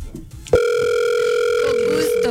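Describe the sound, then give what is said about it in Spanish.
After a brief moment of low background noise, a steady electronic phone tone starts and holds unbroken for about two seconds, loud, like a call ringing through on the line as someone places a call to a friend. “Vamos a llamarlo. ¿A quién? A un amigo, espérate.”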